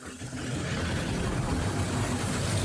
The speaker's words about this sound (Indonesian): Niat jalan-jalan, motornya malah mogok.